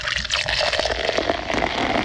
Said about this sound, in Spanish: sirviéndose el café.